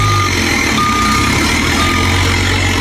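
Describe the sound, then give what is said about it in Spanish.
A truck's engine rumbles steadily while it backs into a turnaround spot, a high-pitched reversing alarm beeping at a regular pace, each long tone repeating over the continuous low drone. “Va a cuadrarla en el reversadero y ya, para que arranque y bajo para la Florida.”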